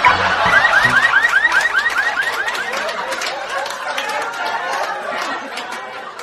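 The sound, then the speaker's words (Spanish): A car alarm whoops in a fast, repeating rising siren pattern, loud, with a faint murmur of voices in the background. “El hombre le responde: no se preocupe, amigo, mi auto tiene alarma.”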